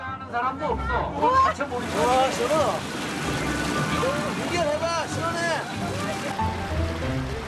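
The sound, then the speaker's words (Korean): Rushing, churning river water roars steadily at a powerful whirlpool over 9 m deep on the final stretch of a raft ride, while several people's voices call out and chatter over it, with the loud water noise never letting up. “소용돌이가 강력하게 돌아갑니다.”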